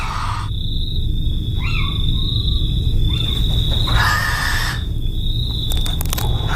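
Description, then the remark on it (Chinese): An owl calls at night in the European countryside, two short descending cries spaced a second or so apart, over a steady high insect trill and a constant low rumble of background noise. “欧洲的乡野中生活着多种猫头鹰，它们会在夜间外出觅食。”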